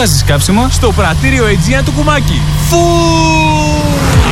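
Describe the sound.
A voice mimics a car engine revving, its pitch swooping up and down in quick bursts over a steady low hum, then settling into a long, even drone.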